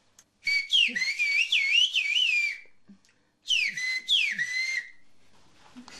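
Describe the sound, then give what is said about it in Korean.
A person whistles in a whistled language, in long, modulated phrases: sliding high tones with rising and falling contours, a first burst of about two seconds, a pause, then two more swooping phrases. Loud, with no talk. “Işlığın bir sıkıntım yok ki. Telefondan ileri hani benim için benim dilim.”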